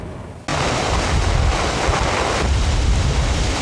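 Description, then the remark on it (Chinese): Strong wind of Typhoon Mesak roars and buffets the microphone near Tufu Bay, Lingshui, at 7:30 pm, an hour after landfall, with heavy rain, in a loud, continuous rush, kicking in abruptly after a brief quieter moment and holding steady with low rumbling gusts throughout. “现在是晚上的7点半，那么距离这个台风美沙克登陆1小时之后，记者所在这个陵水的土福湾附近依然感受到这个风力的强大，那么现场雨依然很大，像豆粒般打在脸上，特别的生疼，并且记者看不清楚眼前的情况。”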